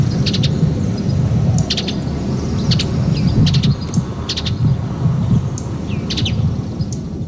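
A mountain bluebird sings short, clustered chirping phrases at a steady pace over a constant low outdoor rumble, clear, with no voices present.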